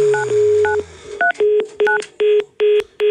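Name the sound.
telephone keypad dialing tones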